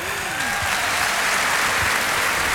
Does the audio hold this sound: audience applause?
yes